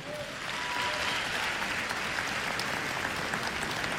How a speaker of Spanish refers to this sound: Un aplauso a Dios nuestro Señor.